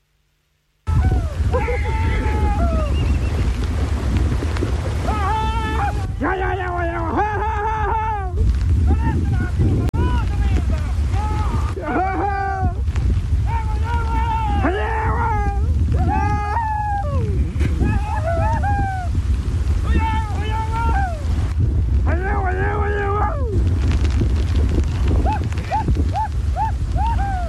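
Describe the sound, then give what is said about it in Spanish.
A rescue of 30 horses crossing the overflowing, flooded river at Punta Carampangue, Arauco: a steady, loud roar of water and wind runs throughout, with repeated calls and shouting voices rising over it. “como acostumbran a hacer los campesinos de ese lugar, una vez que sube el río Pichilo y el Carampangue propiamente tal, sus caballos quedan aislados. Escuchemos el ambiente de lo que fue un rescate en un video ampliamente viralizado.”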